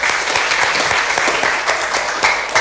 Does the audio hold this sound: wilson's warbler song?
no